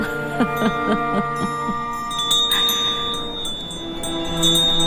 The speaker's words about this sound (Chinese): 听见了吗？旧城楼悠扬清澈的风铃声。